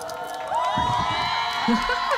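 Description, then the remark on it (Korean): A crowd of fans cheering and screaming, a dense wash of high-pitched shrieks and whoops that swells after a moment and holds steady and loud throughout. “그 팬분들의 환호성은 마음에 드는 만큼 나왔습니까?”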